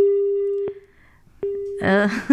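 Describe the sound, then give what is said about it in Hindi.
A steady telephone busy tone sounds in two long beeps separated by short breaks, fairly loud, after a caller's phone call from Meerut drops, before a voice begins talking over the end. “आपका पूरी बात हम तक पहुंच नहीं पाई है, और अगर आप दोबारा हमें कॉल करना चाहें तो प्लीज़ ज़रूर करें.”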